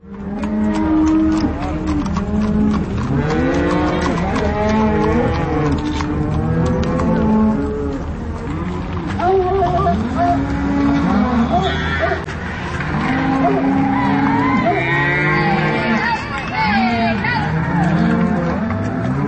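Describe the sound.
A herd of cattle moos and bellows repeatedly, many overlapping calls, with a steady rumble of hooves and traffic underneath and occasional human voices, during a spring cattle drive through downtown Carbondale.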